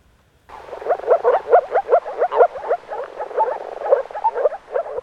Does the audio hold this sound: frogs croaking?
yes